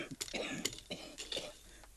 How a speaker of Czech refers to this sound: Zatrápený kašel.